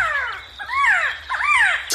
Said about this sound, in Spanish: Así canta nuestra ave nacional, el Quetzal. Hermoso canto, ¿verdad?